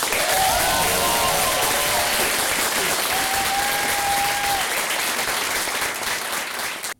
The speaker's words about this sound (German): Aber dann würde ich den letzten Applaus noch wirklich so channeln. Bitte klatscht nochmal riesig in die Hände für die Person, die uns heute durch den Abend geleitet hat. Und mit den Texten, mit der Konzeption.